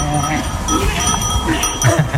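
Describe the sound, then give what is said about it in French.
Several sheep bleat in overlapping, wavering calls that fill the short stretch, with light metallic bell clinks mixed in, like a flock. “Non, c'est en effet le mouton, facile.”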